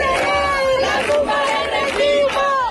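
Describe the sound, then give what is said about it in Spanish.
A large crowd of protesters in Seville, Spain, chants in unison, their massed voices rising in loud, rhythmic bursts roughly every half second over a steady roar of noise. “Pues sí, así sonaba, por ejemplo, anoche el hartazgo en Sevilla.”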